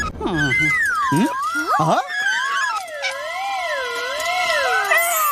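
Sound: cat meowing loudly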